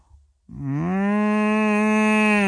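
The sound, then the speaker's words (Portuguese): After a short quiet moment, a person imitates a cow with one long, loud, low moo, held steadily until the very end. “Eu estava a fazer cacilheiro, não estava a fazer mugido. Então faz mugido.”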